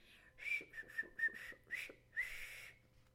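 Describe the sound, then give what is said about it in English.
A funny little whistle of pure joy from the story character Johnny Chuck on his doorstep: a short, bright phrase of several quick chirpy notes, rising and falling with little gaps, ending in a longer sustained whistle, fairly loud with no talking. “he would come out on his doorstep and smile and sometimes give a funny little whistle of pure joy.”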